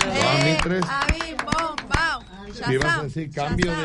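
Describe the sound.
Scattered, irregular hand claps ring out as sharp cracks during a comedic stage scene, applauding a person who comes up to help with the scene. Loud, overlapping voices talk and call out throughout.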